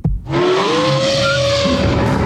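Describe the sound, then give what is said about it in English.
A car's worn fan belt squeals loudly and steadily for about two seconds, a high, sustained whine that bends slightly upward over a rough, hissing engine roar, with no talking. “That's not a lie. That was my busted fan belt before I took it to Mick from Mick's Progas.”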